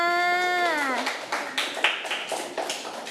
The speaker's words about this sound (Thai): เก่งมากเด็กๆปรบมือให้เพื่อนค่ะ